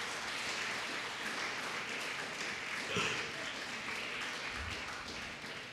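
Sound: audience applause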